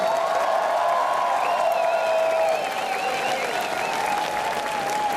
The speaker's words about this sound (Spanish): ¡Un aplauso para todas las personas con VIH!